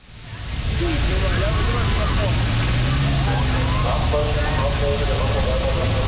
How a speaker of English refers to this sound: In Berlin, police deployed water cannons, not to fend off protesters, but to give crowds of people relief from the heat wave.